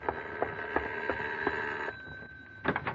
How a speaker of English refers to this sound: Ah, sorry to lean on the bell like that, Mrs. Thorpe. Thought maybe you'd fallen asleep.